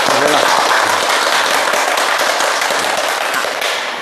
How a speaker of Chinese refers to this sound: 今天呢，我们非常高兴地邀请到了国家语委咨询委员、中国传媒大学的姚喜双教授，我们掌声欢迎。